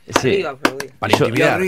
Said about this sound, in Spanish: Me hacía acordar al Dibu, por todos los que hacía, las payasadas que hacía en el arco. Bueno, así aplaudía con los guantes, ¿viste? Se escuchaba el sonido.